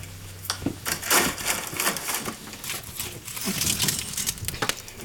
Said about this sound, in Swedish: Kup ner i sängen, så lägger jag in ett nytt vedträ i brasan.